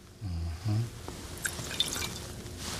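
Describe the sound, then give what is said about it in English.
Water pours into a cooking pot on a stove, already holding pineapple juice, with a steady trickle and a few sharp drips and splashes, following a brief low hum at the start. “And then we're going to put in the water.”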